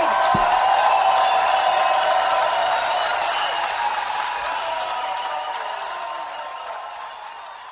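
Sustained applause from an audience, a dense wash of many hands clapping at once that stays steady and then slowly fades a little toward the end, with no voices standing out.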